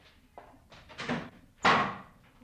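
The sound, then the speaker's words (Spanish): A door slams shut with a loud, sharp bang that rings out briefly, preceded by a softer thump and some rustling as it swings. No one speaks. “Ella también dando un portazo.”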